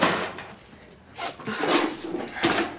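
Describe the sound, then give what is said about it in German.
Tools being packed away: a few irregular clunks and rattling knocks of hard objects, with a louder scraping clatter in the middle and a final knock, moderately loud and with no talking. “Ich räume mir eben noch das Werkzeug an.”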